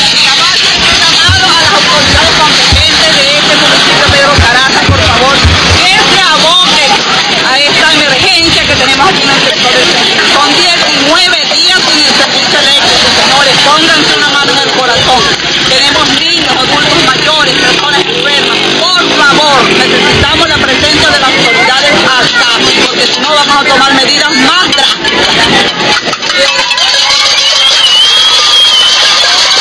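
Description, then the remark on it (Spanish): A loud, continuous din of many pots and pans being banged at once in a night street protest on 24 September in a community of Pedro Zaraza municipality over 19 days without electricity, a dense metallic clatter with crowd voices and shouting mixed throughout. “Bueno, ahí se escuchan las cacerolas que repitaron la noche de este 24 de septiembre en esa comunidad del municipio Pedro Zaraza.”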